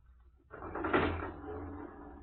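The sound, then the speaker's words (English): A lift door slides shut with a broad rumbling whoosh that swells and then trails off into a low mechanical hum, fairly loud, with no one speaking. “We will work the lift ourselves.”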